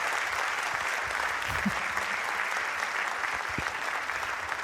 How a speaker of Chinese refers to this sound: 谢谢大家，满满的掌声，谢谢。